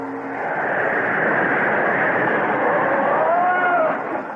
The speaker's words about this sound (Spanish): Llegó la diligencia y tengo que ir a atenderlos ahora. ¿La diligencia a esta hora? Es tarde, muy tarde